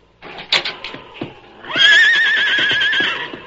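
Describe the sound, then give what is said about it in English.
A horse, Silver, neighs while trembling: a few short snorts and rough bursts, then a loud, high-pitched whinny that quavers steadily for about a second and a half before fading. “Anything wrong with your horses?”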